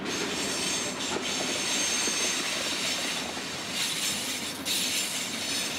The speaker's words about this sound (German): Und ich habe jetzt die Aufgabe, den Pendel zu fahren, die Schotter und Erde zu fahren von einem Lagerplatz in Hannover zur Baustelle nach Eschede. Dafür hat er mal wieder einen Bauzug am Haken.